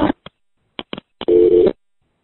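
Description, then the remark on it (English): A few quick clicks crackle over a phone line, then a steady, fairly loud dial tone drones for about half a second as a payphone call cuts off after running out of time, the phone not taking the next quarter. No one speaks. “Anyway, I'm out of time and this phone won't take my next quarter, so talk to you soon.”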